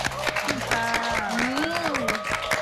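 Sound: audience applause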